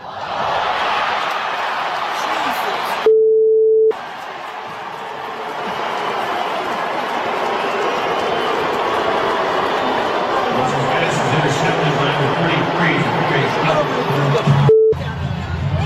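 A large stadium crowd at a Cleveland Browns home preseason game boos quarterback Deshaun Watson after he threw an interception, a dense, continuous wash of roaring and booing recorded on a cell phone camera, with two short electronic tones briefly cutting through.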